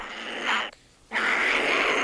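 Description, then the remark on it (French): A voice imitates a monkey with two loud, breathy, raspy bursts, the first short and the second longer, split by a brief pause. “Un singe.”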